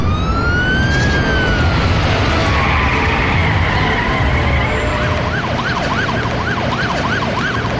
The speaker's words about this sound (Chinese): 不等那家伙睁开眼，110警车已狂呼而至。